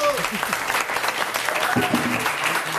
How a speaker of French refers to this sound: Et voilà, une première bonne réponse. On peut applaudir